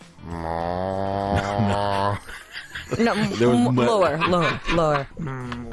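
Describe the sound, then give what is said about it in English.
A person imitates a cow with a long, steady, low-pitched moo lasting about two seconds, then follows with a string of shorter wavering, bending vocal moos and chuckle-like sounds. “I can do a good cow.”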